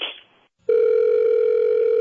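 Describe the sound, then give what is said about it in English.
A short burst of noise, a brief pause, then a telephone ring tone starts as a call is placed to call a woman back: a steady, loud electronic tone that holds unbroken to the end. No one speaks. “So let's have you call her back, and she'll probably call you out on it, okay?”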